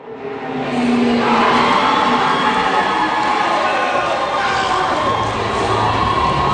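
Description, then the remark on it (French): A loud, sustained roar of teenagers shouting and cheering at a high school robot competition in a large Bombardier aircraft finishing hangar in suburban Montreal, a dense wall of overlapping voices that swells in the first second and stays intense throughout. “C'est pas l'ambiance habituelle dans ces grands hangars de finition d'avions chez Bombardier.”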